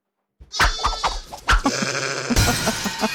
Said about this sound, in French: Alors, j'étais parti sur un chat, mais pourquoi il y a une vache dans l'histoire ? C'est un mouton.